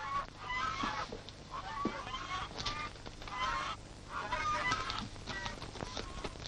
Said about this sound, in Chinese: 哦，外边有人斗鹅呢，我出去看看。